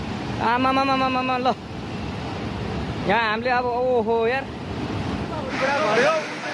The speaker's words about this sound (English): Meanwhile, Nepal's Trishuli area is completely inundated with flood water sweeping through streets and buildings.